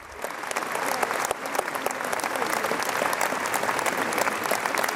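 A large audience claps steadily at the end of the premiere of Verdi's La Traviata on the Seebühne, in dry weather, a dense even patter of many hands, sustained without swelling or cheering, sounding polite rather than enthusiastic.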